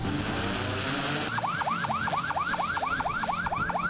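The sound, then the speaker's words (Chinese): A law-enforcement patrol boat's electronic siren sounds as boats set off on a joint police, fisheries, maritime and coast guard operation against illegal fishing at Xinhai Bay. After a second of rushing background noise it yelps in fast, steady rising-and-falling sweeps, loud, with no talking. “随着出发指令下达，执法船艇鸣笛起航”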